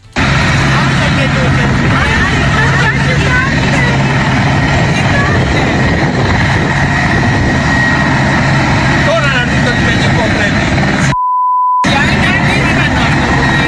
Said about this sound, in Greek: Λουόμενοι καταγράφουν με το κινητό τους τηλέφωνο την επικίνδυνη προσγείωση ελικοπτέρου στην παραλία Ζωγεριά το μεσημέρι του Σαββάτου. Ένα τεράστιο νέφος σκόνης σηκώνεται από το έδαφος.